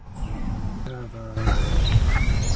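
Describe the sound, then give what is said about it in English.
A song sparrow sings faintly, a few thin, bright chirping notes scattered over a steady outdoor rumble, with a short human murmur partway through; two song sparrows are in two trees. “Song sparrow. There's two of them on these two trees here. Mm-hmm. Just sang.”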